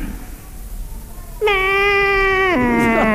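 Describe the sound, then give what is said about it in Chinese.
A voice imitates the call of a particular horse, said to sound unlike other horses. After a quiet opening, one loud, sustained, bleat-like cry holds a steady pitch, then drops lower partway through and carries on to the end. “看这看我那个马一叫，都这个声音。”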